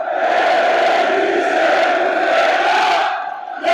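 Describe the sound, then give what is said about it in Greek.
A huge crowd of fans in the stands of the indoor Telecom Center arena chants slogans in unison, every one of them shouting, a dense, loud roar of many voices that holds steady for several seconds, dips briefly, then surges back up. “Τα συνθήματα δεν έχουν σταματήσει.”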